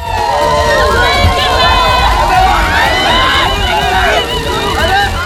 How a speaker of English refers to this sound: And the Duke and Duchess of Sussex have been cheered at their first joint engagement since returning to the UK.